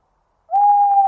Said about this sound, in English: Deep in the wood, I heard a bird. Tu-wit, tu-woo. I said to the woodland bird I heard, "And who are you?" "I am an owl, a woodland owl. How do you do, tu-woo? Tu-wit, tu-woo."